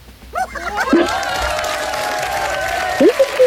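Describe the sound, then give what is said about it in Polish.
A TV studio audience whistles and applauds: quick warbling whistles give way to one long, steady shrill whistle with rising swoops at each end, over a bed of clapping and crowd noise. “Jeszcze gwiżdżą tutaj nam w studiu.”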